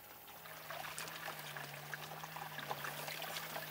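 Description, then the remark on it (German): Water trickles and splashes steadily into a trough as a shepherdess waters her sheep in summer, a continuous dribble with small bright splashes and a faint low hum underneath, no voices. “Ich tränke sie immer, bevor wir rausgehen, wenn wir zurückkommen.”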